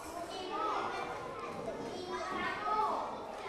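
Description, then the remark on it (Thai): A steady, noisy din of many children chattering at once in a classroom while doing workbook exercises, a busy overlapping babble of young voices with a few higher-pitched shouts rising out of it, as the teacher tells them to be quiet. “เงียบหน่อยเงียบหน่อย”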